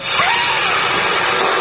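A Hoover vacuum cleaner runs at full power, a steady, loud motor roar with a high whining tone on top, continuous for the whole moment with no voices.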